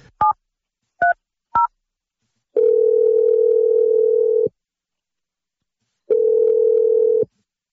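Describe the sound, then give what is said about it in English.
Three quick keypad beeps are dialed, then two long ringback tones sound with a silent gap between them, the steady purr of an outgoing call by morning radio hosts waiting to be answered. No one speaks. “Let's make the 1,000th second date phone call.”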